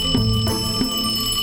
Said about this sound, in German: Bis das Telefon klingelt.